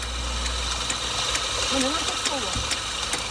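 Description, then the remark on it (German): A coffee grinder mounted in the open boot of a car by the beach in Salé, Morocco, whirs steadily as it grinds the first beans, a continuous buzzing motor drone, with a voice speaking briefly over it partway through. “malt die ersten Bohnen.”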